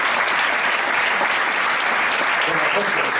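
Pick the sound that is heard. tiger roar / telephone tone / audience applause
audience applause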